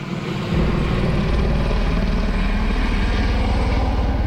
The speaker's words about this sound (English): Helicopters drop water on flames burning through a neighborhood near Oslo. More than 100 homes have been destroyed. Hundreds of people had to flee as the fire moved in from a nearby forest.